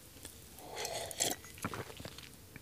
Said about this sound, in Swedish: Och då ska jag ta med en klunk vatten.